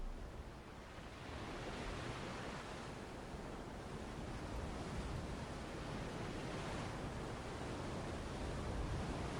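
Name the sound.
ocean waves and surf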